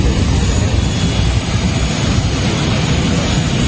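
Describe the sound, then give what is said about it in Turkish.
A loud, steady roar of an airplane engine, continuous, as a private plane from Istanbul carrying the Turkish national football team comes in to land at a Florida airport. The broad rushing drone holds level throughout with no voices. “İstanbul'dan kalkan özel uçak Florida Havalimanı'na indi.”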